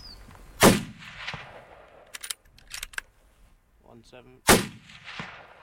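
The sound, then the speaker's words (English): Two loud, sharp hunting rifle shots at deer about 170 metres away, fired from a prone position, about four seconds apart, each cracking hard and trailing off in a low rumbling echo, with a few quick mechanical clicks in the quiet between them; two deer are downed. “Would the gunshot now spook that other herd?”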